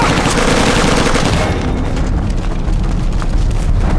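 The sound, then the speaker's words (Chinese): Loud, sustained gunfire crackles nonstop, a dense barrage of overlapping shots from at least a squad of Japanese soldiers in the direction of a Land God temple, with a heavy rumble beneath and no voices. “从枪声来判断，至少有一个小队的。”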